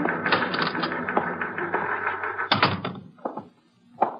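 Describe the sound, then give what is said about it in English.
A stenographer types a statement on a typewriter: rapid clatter in a steady stream of keystrokes for about three seconds, then slowing to a few separate heavy clacks and a final thunk. No one speaks. “It was 12 noon when the stenographer completed typing the statement”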